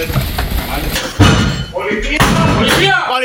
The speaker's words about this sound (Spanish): Es el momento en el que con un ariete agentes de la Policía Nacional echan abajo la puerta de un piso de Jerez en una acción que ha permitido detener a 5 personas acusadas de vender cocaína a domicilio.